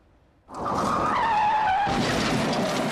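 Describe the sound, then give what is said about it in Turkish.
A sudden loud screech of skidding tires bursts in after a brief quiet, followed by a harsh, noisy crash-like rumble as a car violating its lane collides with a motorcycle in Bursa, Turkey, in May, recorded by a security camera, with no voices. “Şerit ihlali yapan araç motosiklete çarptı.”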